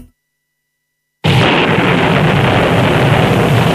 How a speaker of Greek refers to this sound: Ωπα, παιδιά, τι έγινε, ξεκίνησε η βροχή. Όχι, εντάξει. Βρέχει, άντρες.